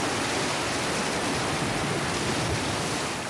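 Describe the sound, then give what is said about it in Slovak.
A steady, dense roar of huge crashing sea waves in a sudden terrible storm, loud, with a constant hissing wash and no distinct individual breakers standing out. No voices. “Obrovské vlny stiahli Ježibabu do mora”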